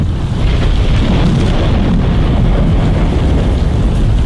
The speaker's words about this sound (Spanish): Tormenta eléctrica, pues viejo, así va a estar más fuerte, con trueno, rayo, centella.